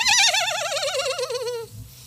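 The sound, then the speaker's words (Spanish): A person imitates a horse neighing: one loud, quavering whinny with a fast wobble that slides steadily downward in pitch for about a second and a half, then cuts off. “¿Cómo relincha un caballo?”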